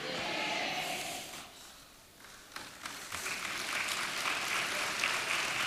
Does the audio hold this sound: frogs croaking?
no